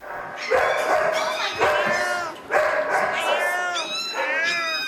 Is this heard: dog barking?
yes